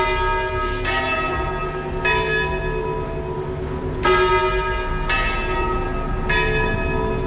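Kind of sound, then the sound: signal or alarm, church bells ringing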